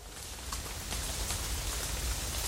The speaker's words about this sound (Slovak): Nestačí, že už je tma ako v rohu, ešte aj liať začalo. Krúpy padajú veľké ako moja pesť.